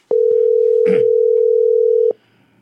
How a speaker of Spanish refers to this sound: ¡Coja el teléfono!